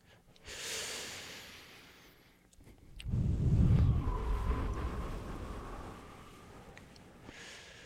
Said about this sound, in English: Your breathing is so gentle, it might not even pick up that well on mic, which isn't necessarily a bad thing.